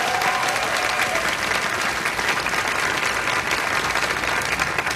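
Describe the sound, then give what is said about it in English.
An audience applauds the show's keyboard player steadily for about five seconds, a dense wash of many hands clapping at an even, loud level throughout with no voices standing out. “If you want to make some noise for him, I'm sure he would appreciate it.”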